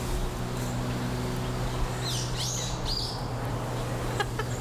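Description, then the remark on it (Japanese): Birds chirp and warble in short bursts over a steady outdoor hum, several sweeping calls in the middle and a few sharp high tweets near the end. “ちょっと考えてる間、鳥のさえずりを聞きください。”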